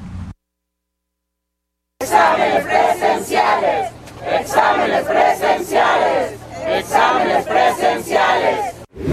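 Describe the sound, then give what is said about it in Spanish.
A crowd of about 100 exam applicants and some parents marching through a university campus chants slogans for a clean and transparent exam in unison, loud, rhythmic bursts of many voices repeating after a brief silent gap at the start, with a steady low hum underneath. “Al grito de examen limpio y transparente, alrededor de 100 aspirantes y algunos padres de familia marcharon por el campus universitario de la máxima casa de estudios.”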